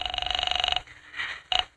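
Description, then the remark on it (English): A telephone line rings as an operator connects a call to the 5th Precinct Police Station, a loud buzzing trill that sounds for just under a second, pauses briefly, then starts a second ring that cuts off quickly. “I'm ringing.”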